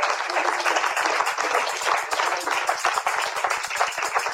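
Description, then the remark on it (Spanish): A church audience applauds for the Lord during a prayer service, many hands clapping for several seconds in a dense, steady patter at a fairly even loudness, with no voices heard over it. “Sí, ¡un aplauso, Señor!”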